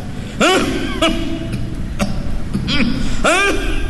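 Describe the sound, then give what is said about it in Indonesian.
A person gives a series of short, forced coughs and throat-clearing grunts, about five bursts spaced unevenly over a few seconds, fairly loud against a murmuring background. “Cik Mansur Buyung pula dan-dan batuk”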